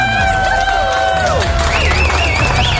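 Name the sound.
audience applause and cheering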